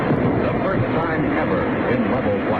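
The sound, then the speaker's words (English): The engine of Air Force pilot Chuck Yeager's X-1 rocket plane roars as it pushes through the sound barrier at 35,000 feet, about 660 miles per hour: a loud, steady, rumbling blast of noise that holds unbroken for the whole clip, with no distinct boom. “He was flying an X-1 rocket plane.”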